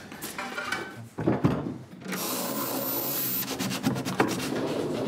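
A wooden drawer of a cabinet in an escape room slides open with a scraping, rubbing sound, followed by a sustained grinding wooden rumble and a few knocks, with no voices.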